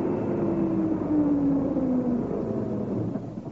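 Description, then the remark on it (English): A heavy lorry's engine rumbles, its low drone dipping slightly in pitch as it slows and draws up to a stop. No voices are heard. “Anyway, here it comes. We'll soon know. Yes, it is a lorry.”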